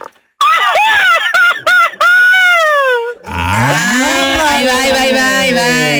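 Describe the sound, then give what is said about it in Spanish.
A man lets out a loud, traditional Mexican grito: a string of high, warbling yelps that slide into a long sustained cry, followed by a lower, drawn-out wavering howl. “échate un grito mexicano.”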